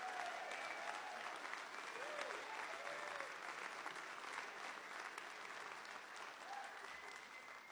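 An audience applauds steadily, a dense, even wash of clapping that holds at a constant level for the whole stretch, with a few faint whistles and cheers rising above it.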